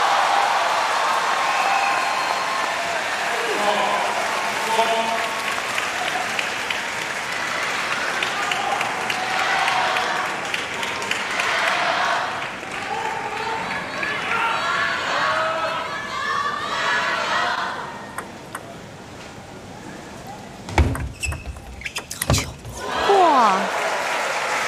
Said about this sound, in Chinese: 这分给双方都鼓鼓掌啊！ 是的，其实樊振东接的也很好， 对，接的已经很好了 啊。